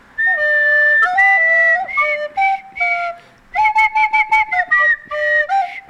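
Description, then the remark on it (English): Someone whistles a rock riff, clear and fairly loud, in short stepping notes grouped into two phrases with a brief pause between them, and no talking. “Maybe I should try and whistle.”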